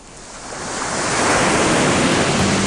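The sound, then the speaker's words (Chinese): Sea water surges and crashes against rocks on Gulangyu island, Xiamen, a broad hissing roar that swells steadily louder over the first second and then holds as a continuous wash of churning surf. No one speaks. “嘉熙，你听，鼓浪屿的海水拍打礁石”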